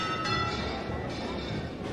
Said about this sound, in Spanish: Bueno, pues de nuevo suenan las campanas, han hecho un inciso, pero vuelven a tocar. Se está anunciando pues la inminente salida de la copatrona de la ciudad.